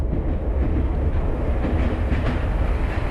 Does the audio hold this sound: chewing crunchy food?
no